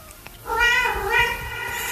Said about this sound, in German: Das Miauen am Schluss von diesem Song.